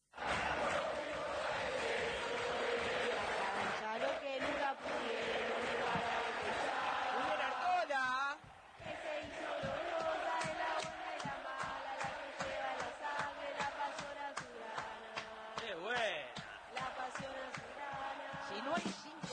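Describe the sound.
A large crowd sings a rhythmic San Lorenzo football club chant in unison, loud and sustained, with steady beats and rising and falling melodic lines carried by many voices.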